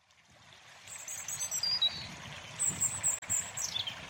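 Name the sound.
flowing river water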